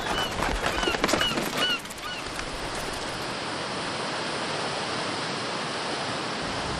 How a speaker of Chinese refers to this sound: 生态水来源于阿尔塔什水利枢纽，水库下泄的滔滔河水即将遇到叶河上游的第一道闸口喀群引水枢纽。